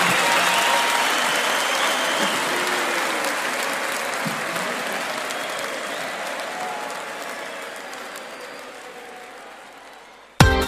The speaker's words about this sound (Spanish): ¡Con el aplauso!